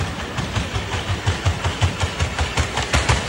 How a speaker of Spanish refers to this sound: Esto es el robot corriendo, ¿eh? Esto no es otro tipo de máquina de edición. Una lavadora ahí centrifugando. No. Son las zancadas del robot. O sea, ya solo escuchar el sonido a mí me da miedo.